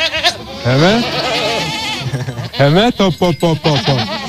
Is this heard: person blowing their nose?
no